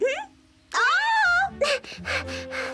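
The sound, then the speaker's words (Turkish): A child cries and wails, a short rising cry followed by a long, loud, wavering wail, then several choppy sobbing bursts. “Ağlamakla her istediğini elde edemezsin.”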